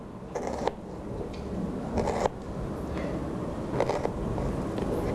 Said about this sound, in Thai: หลังจากนั้นนะครับค่อยๆนะครับการที่เด็กๆใช้มีดนะครับจะต้องระวังด้วยนะครับค่อยๆหั่นไปนะครับให้เป็นลักษณะลูกเต๋าเล็กๆนะครับ